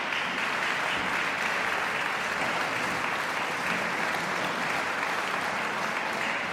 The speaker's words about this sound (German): Georges Enescus Oktett C-Dur für Streicher. Begeisterte Applaus und Jubelrufe vom Festivalpublikum in der Heiligen Geistkirche in Wismar.